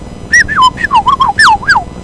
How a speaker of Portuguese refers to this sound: De repente ele escutou um assovio.